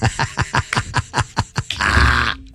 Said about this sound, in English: Breathing heavy and like.